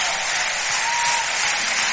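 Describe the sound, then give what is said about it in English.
A large live concert audience in Paris applauds steadily, a dense wash of clapping that stays loud and even throughout, with no talking over it. “And we're doing live performances, and man, I tell you, you listen to that crowd. That's live in Paris.”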